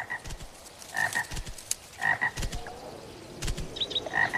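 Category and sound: animal, frogs croaking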